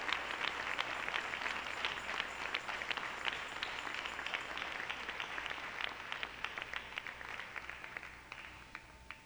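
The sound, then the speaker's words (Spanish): A crowd applauds the Lord, God of heaven, at a preacher's call, steadily, dense overlapping claps forming a bright, sustained wash that thins out toward the end, with a few sharper individual claps standing out. “Démosle un aplauso al Señor, Dios del cielo.”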